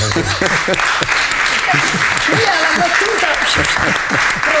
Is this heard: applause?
yes